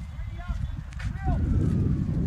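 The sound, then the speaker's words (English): Heavy, rumbling, blustery gale-force wind buffets the microphone in low, uneven gusts at Ford Park before a match between Monty and the Bulldogs, swelling louder halfway through and staying strong, with faint voices barely showing underneath. “It's very blustery out here. Yeah, blowing an absolute gale. Probably hear it through the mic.”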